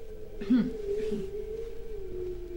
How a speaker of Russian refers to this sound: Я слышу, опять воет собака. Илья Афанасьевич, будьте добры, прикажите отвязать ее.